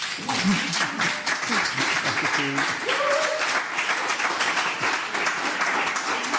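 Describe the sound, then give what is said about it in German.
Sustained applause from a studio audience at Radio 1, live from Studio 1 in Bikini Berlin, for the director of Theater Rambazamba: a dense steady patter of many hands clapping at once, with a few faint voices and brief cheers mixed in beneath. “Vielleicht darf ich Sie noch einmal einen kleinen Applaus bitten.”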